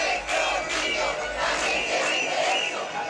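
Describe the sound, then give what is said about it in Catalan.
A large crowd of thousands of protesters chants and shouts together in the street, demanding that migrants leave and calling for children's safety, a loud, dense roar of many voices with rhythmic swells of rising and falling chanting throughout. “mig miler de persones han tornat a sortir al carrer per exigir que se'n vagin els migrants”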